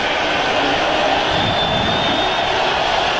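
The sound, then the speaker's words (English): A huge stadium crowd at Lambeau Field roars in a dense, steady wash of cheering, urged on by the Packers sideline before a Bears third down, holding loud and unbroken for a few seconds with no single voice standing out. “Crowd comes alive at Lambeau Field with the encouragement of the Packers sideline.”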